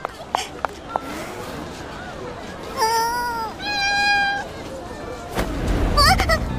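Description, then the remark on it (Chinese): A kitten gives two drawn-out, high-pitched meows back to back, then a short rising mew, all clearly audible over a busy background of crowd chatter and street bustle. “好可爱的小猫咪。”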